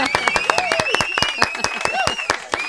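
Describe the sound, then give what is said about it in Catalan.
A burst of lively applause on a programme, welcoming a young journalist who has joined the team, sharp claps coming quickly and steadily for a couple of seconds, with a voice audible over the clapping. “Un aplaudiment!”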